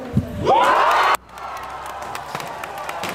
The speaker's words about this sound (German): heute war sehr groß, als die Bundeswissenschaftsministerin gleich als erstes bekannt gab, dass die Friedrich-Schiller-Universität eine neue Exzellenzuniversität ist. Wir können auch kurz mal reinhören in den Jubel, der darauf erklang hier in Jena.